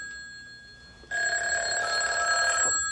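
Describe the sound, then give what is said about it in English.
A telephone bell rings loudly in a continuous metallic burst lasting under two seconds, starting abruptly after a quiet moment and cutting off sharply; no voices are heard. “Well, you wash your hands while I go in and get the phone.”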